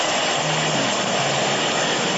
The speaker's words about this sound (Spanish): Mira cómo está el aguacero. Mira. Ahí están las manitas. Ya tengo 2 horas con ese chorreadero, mira.